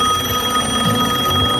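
A phone call's ringing tone plays steadily and fairly loud as a call is placed, a continuous electronic tone with no break, over a faint low rumble and no voices.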